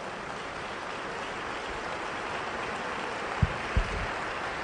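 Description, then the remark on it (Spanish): An audience claps steadily for Christ Jesus at a preacher's call, a dense, even wash of applause with no voices over it, and a couple of brief low thumps near the end. “Dele fuerte el aplauso a Él.”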